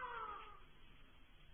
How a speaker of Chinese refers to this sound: 老谷焦急地守在产房门外。他终于听到了一声盼望已久的婴儿的啼哭声。